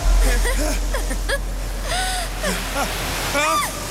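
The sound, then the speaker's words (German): Rushing water floods in with a steady, loud roar that fills the whole stretch, while voices cry out and gasp in short, excited bursts over it. “Sieh nur! Das Wasser! Es kommt!”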